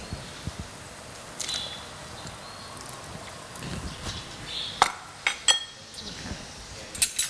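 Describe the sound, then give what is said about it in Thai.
Irregular metallic clinks and scrapes of a utensil stirring pork belly and bite-sized pineapple pieces in a pot of tom som soup, a few sharper knocks scattered across several seconds over a soft background hiss, with no talking. “คนให้เข้ากันสักครู่นะคะต้มเดือดสักครู่หนึ่งนะคะ”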